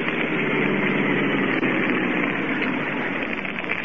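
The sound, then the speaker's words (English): A car engine drones steadily throughout as the car drives off the road toward the shore at night by moonlight with its lights off, a dense, even rumble with a broad hiss on top and no break in loudness. No voices are heard. “Guard not see car moving toward shore.”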